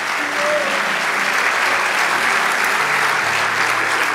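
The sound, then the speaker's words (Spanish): An audience applauds steadily for about four seconds, a dense, even wash of many hands clapping with no clear beat, loud throughout, with a few faint voices mixed in underneath. “Vamos, dale ese aplauso.”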